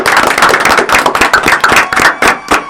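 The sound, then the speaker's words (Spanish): A crowd applauds in farewell to a guest, with dense, continuous clapping at a steady, loud level throughout, made up of many sharp overlapping hand claps and no voices. “¿Lo despedimos con un aplauso?”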